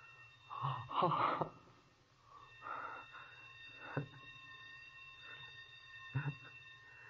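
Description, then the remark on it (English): A sprinkler alarm bell in a basement rings on and on at 6 o'clock as a steady, high metallic tone. A few breathy gasps and short sharp bursts break through, and no one speaks. “That was the bell back in the basement.”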